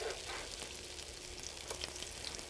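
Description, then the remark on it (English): Steady crackling sizzle of food frying in a 350-degree electric frying pan, dense and continuous with sharper pops scattered throughout, with no voices. “I am in a 350-degree frying pan.”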